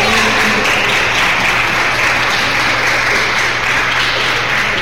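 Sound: audience applause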